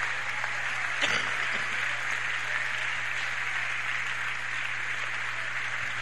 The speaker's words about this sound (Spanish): Aplausos para mi Dios.